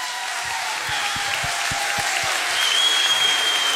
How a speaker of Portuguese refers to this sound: Tens aqui um público fabuloso. Muito mas obrigado. É um público que gosta de mim, mas também gosta muito de ti. É ou não é? Mais um forte aplauso